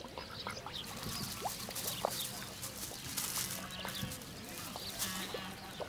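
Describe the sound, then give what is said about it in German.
A flock of geese and other poultry, tended by a goose girl in a village along the Danube, honk and cackle in overlapping bursts. It is a busy, continuous chorus of calls against a steady outdoor background, with no one speaking. “Rührend kümmert sich die Gänsemagd um ihr Federvieh.”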